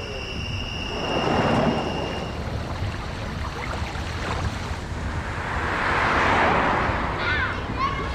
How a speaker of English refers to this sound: Ah, the sounds of summer. Please watch for motorcycles. We're all on the same roads.